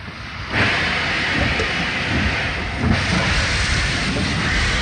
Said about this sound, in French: Entre mars 42 et août 44, près de 50 000 personnes vont passer par Compiègne. Les trains rejoignent Soissons puis l'Allemagne.